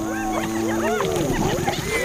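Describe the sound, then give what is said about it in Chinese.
Lions and spotted hyenas clash over prey, the outnumbered lions refusing to give it up, in a dense, frantic chorus of rising and falling whoops, cackles and growls, loud and continuing without pause for the whole couple of seconds. “狮子很快就寡不敌众，但是不到最后关头，他们是不会放弃猎物的。”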